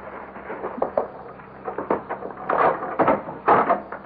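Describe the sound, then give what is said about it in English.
An extra key, made in Concord, rattles and clicks in the front door lock, then the wooden front door creaks and thumps open, with a few scraping knocks along the way and no voices. “I had an extra key to the front door made over at Concord.”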